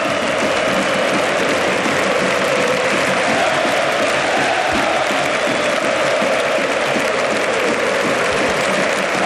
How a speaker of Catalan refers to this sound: Lewandowski, ara que aplaudeix a l'afició, tot aquests crits, aquests ànims que li estan dedicant, se'n va plorant Lewandowski.